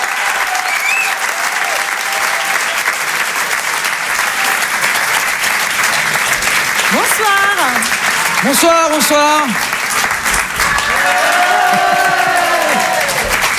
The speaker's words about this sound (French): Je vous demande de les encourager, de les applaudir très fort.